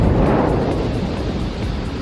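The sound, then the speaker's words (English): A deep, continuous roaring rumble from a massive explosion of a fuel tank in Oklahoma, sparked by lightning. The tank held a liquid fuel used in the production of gasoline. The rumble is loud and heavy in the low end and sustained without a break, with no voices. “Officials believe lightning sparked the massive explosion in Oklahoma.”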